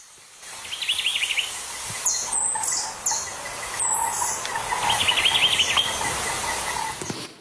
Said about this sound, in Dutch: We horen zo drie vogels in actie, waarvan er eentje echt alleen op Jamaica rondvliegt.